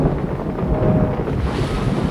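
Stormy sea wind roars in a steady, loud rush during a sea crossing by boat, with churning waves and a deep low rumble of thunder underneath, sustained throughout without pause and with no voices.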